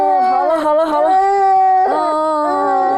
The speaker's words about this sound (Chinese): 哭，这孩子， 那小孩哭不是正常的吗？